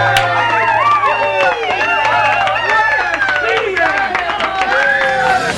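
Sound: hand clapping applause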